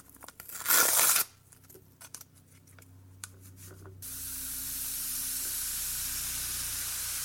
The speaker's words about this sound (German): Für das zweite Geräusch benötigt ihr ein Päckchen Backpulver und etwas heißes Wasser. Das Backpulver nun in eine Schüssel geben und ein bisschen Wasser darüber gießen.